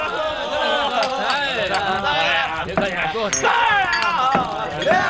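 Several sharp clinks of cups knocking together ring out at scattered moments, mixed into a loud, lively crowd of overlapping voices cheering as if raising a toast.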